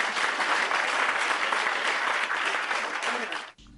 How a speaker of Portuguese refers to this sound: Muito bem. Palmas para todos.